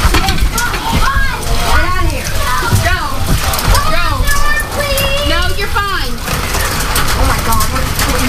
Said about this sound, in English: Dime-sized hail. That's what it feels like.